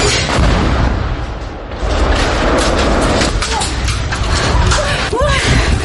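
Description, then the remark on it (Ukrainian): A repeated drone strike explosion hits as firefighters arrive to put out burning homes and rescue civilians, bursting out as a heavy, roaring boom, followed by sustained loud rumbling noise, with shouting voices breaking through near the end. “Приїхали одразу після атаки гасити оселі та рятувати цивільних, коли окупанти завдали повторного удару дроном. Ось відео моменту, зняте місцевими ЗМІ.”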